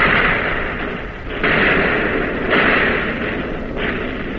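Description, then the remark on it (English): Heavy naval guns fire in a loud, continuous roar, with several abrupt surges of booming blasts about a second apart and no voices. “You're on target again and firing, but not as fast, not as smoothly, and you're getting hit.”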